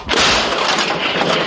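artillery gun firing

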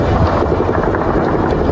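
attack drone flying overhead

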